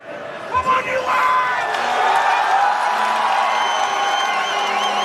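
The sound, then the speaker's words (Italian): A large crowd of US soccer fans in a fan zone outside the Chase Center in San Francisco cheers and shouts together during a US national team match in a loud, continuous roar, with chants of "USA, USA", whoops and voices rising over the dense wall of sound. “L'inno nazionale, cori USA, USA, cappellini a stelle e strisce.”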